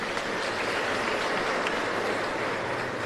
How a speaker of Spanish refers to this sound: Agradecemos también al Monseñor que preside nuestra celebración. Muchísimas gracias. Bendiciones, Monseñor. Aplauso también al Monseñor.